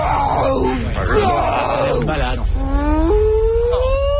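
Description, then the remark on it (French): A voice imitates a whale call with long, drawn-out moaning tones that bend and slide upward in pitch, loud and sustained for several seconds without any words. “…, c'est pas du baleine. Tu parles plutôt au estomac par pied. Bon, peut-être le baleine à bosse.”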